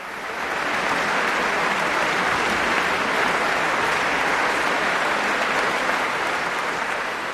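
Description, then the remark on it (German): Dense, sustained applause from a large concert audience at the Beethovenfest in Bonn at the end of a guest performance by the London Symphony Orchestra, a steady wash of many clapping hands that swells in quickly and stays loud and even throughout, with no voices standing out. “Es ist unüberhörbar, das Publikum beim Bonner Beethovenfest war hin und weg am Ende dieses Gastspiels des London Symphony Orchestra am Rhein.”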